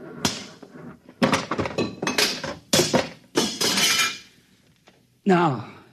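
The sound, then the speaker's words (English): A big, simple machine that controls the buzzer is smashed with a series of loud, heavy blows, each one crashing into rattling metallic clatter and breaking debris. Quieter clinks follow, then a voice briefly cries out. “I'm going to smash it.”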